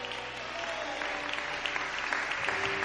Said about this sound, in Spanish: Dele ese aplauso a Dios.